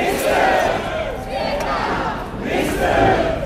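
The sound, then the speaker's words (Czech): A large, excited crowd of about 1,500 fans chants together in loud, rising waves, with steady applause and cheering, welcoming Alexandr Šupenič as he celebrates his first world championship gold medal on Jakubské náměstí in Brno. The sound is continuous throughout. “Alexandra Šupeniče na oslavách na Jakubském náměstí přivítali nadšené pokřiky a potlesk.”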